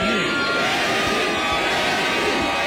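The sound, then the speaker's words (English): A large concert crowd roars loudly and continuously, many voices blending into a dense wash of shouting and chanting "Granny, Granny" without pause as a 99-year-old woman crowd surfs. “As she did the crowd surfing, the crowd chanted, "Granny, Granny."”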